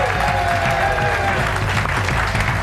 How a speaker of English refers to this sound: It's her birthday today, so make sure you applaud, even if she doesn't make any sense.